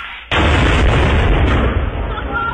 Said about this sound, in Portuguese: É granada, porra!